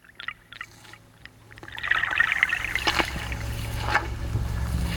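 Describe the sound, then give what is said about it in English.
Water trickles steadily, with a few light drips at the start before the flow swells into a fuller, continuous babble with scattered splashy drops. “And the trickle of life running through the bog, running through the soil with a drip.”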